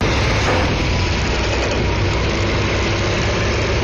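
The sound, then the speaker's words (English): Heavy diesel engines of 18-wheeler trucks idle in a steady, loud low rumble with a constant mechanical drone and no pauses, as the trucks arrive on a Thursday morning at the West Virginia Capitol grounds carrying parts of a giant transportable Ferris wheel. No voices are heard. “Truck by truck, the America 250 wheel began arriving Thursday morning. It will take 10 18-wheelers and a dozen men to assemble this 700,000-pound ride.”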